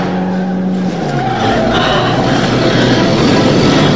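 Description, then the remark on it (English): A stolen red car, hotwired by a thief, peels away with a loud, sustained engine roar and screeching tires, the pitch dropping as it accelerates off, forceful throughout. “The red car peels away.”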